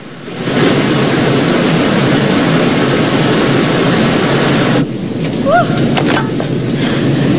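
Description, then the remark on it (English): A waterfall of white water thunders over a sheer drop into a plunge pool, sending up clouds of mist, in a loud, steady rush of churning white noise that fills the whole clip, with a few faint chirps poking through near the end. “White water thundering over a sheer drop into a tumultuous plunge pool, sending up clouds of mist.”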